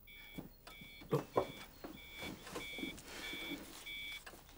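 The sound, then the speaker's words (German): A milking robot alarm on a farm beeps in a steady, repeating pattern of about seven clear, high electronic tones, with a low mechanical rumble and a couple of soft clunks underneath. “Ja, Alarm beim Melkroboter. Wahrscheinlich wieder die Vakuumpumpe.”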